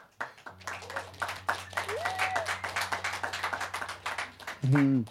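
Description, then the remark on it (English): A recorded clapping sound effect, played live on 3D Radio by pressing the clap button of a little sound box: dense, rapid claps like a crowd's applause run for about four seconds over a steady low hum, ending with a short, loud tonal burst. “Oh, it's fun having a little sound box. Press the clap button.”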